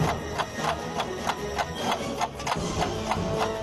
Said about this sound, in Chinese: 就在我们等待了将近一个小时之后，车里居然放起了鞭炮。 车内的打火机已经发生了爆炸，那如果这时候有人坐在里面，会不会有危险呢？